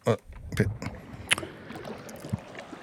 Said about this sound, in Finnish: Liplatus alkaa.